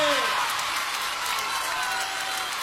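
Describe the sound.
Loud, dense audience applause at a live recording fills the whole stretch, a steady wash of many hands clapping at once, with a brief voice heard faintly at the very start.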